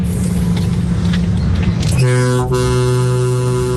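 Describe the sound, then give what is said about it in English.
A big truck's engine rumbles, then its very deep horn blares in one long, steady blast that carries on to the end, loud and powerful. “He's got a big truck and it's got a very deep horn.”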